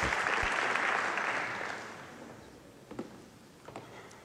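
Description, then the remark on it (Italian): Steady audience applause at the RAI schedule presentation as RAI chief executive Giampaolo Rossi is called up, a dense wash of many hands clapping that swells then gradually fades over a few seconds, leaving a few scattered claps and faint footstep-like taps near the end. “Continuate ad applaudire perché altrimenti i miei passi diventano...”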